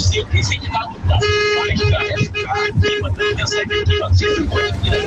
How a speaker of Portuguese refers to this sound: Vamos lá, vamos lá. Último agora, último, pra fechar o buzinaço, vai.